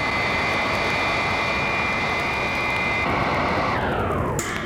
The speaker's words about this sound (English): Psi Women's command ship directly ahead. Robot plane slow to rendezvous with ship and hover.